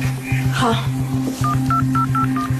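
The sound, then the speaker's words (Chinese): Five short, evenly spaced, clear telephone keypad tones beep in quick succession as someone dials an air conditioning company, over a steady low humming background with a soft repeating pulse. “给空调公司打电话， 查查有没有他们两个人的名字。”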